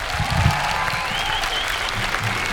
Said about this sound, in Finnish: Antakaa iso käsi vielä mun upealle bändille!